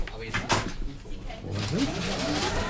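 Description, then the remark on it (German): An automated pharmacy dispensing robot moving to get at a package of Decrystol 20,000 after its door is closed, with a couple of sharp mechanical clacks followed by a steady whirring hum and a brief rising motor whine, with faint voices in the background. “Ja, aber jetzt muss der Automat muss er ja irgendwie rankommen.”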